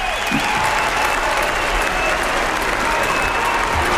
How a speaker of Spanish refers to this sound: En pie los fieles en la plaza de Santa María, aplaudiéndole, ondeando banderas.